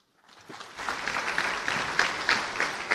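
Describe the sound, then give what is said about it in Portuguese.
An audience in Maputo breaks into applause for the city's mayor for hosting an important event, swelling quickly from silence into steady, dense clapping that holds at a fairly loud level, with no voices heard over it. “Estas palmas para o presidente da cidade por acolher nesta bela cidade este importante evento.”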